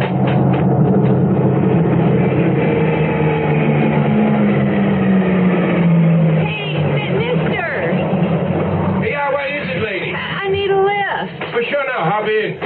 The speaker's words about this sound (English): Okay, it's a pickup truck.